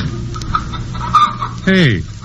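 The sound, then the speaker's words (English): A rooster crows loudly, its drawn-out call sliding downward near the end, while hens cluck steadily in the background throughout, in the kitchen of a farmhouse. “How come that rooster's crowing at this time of day”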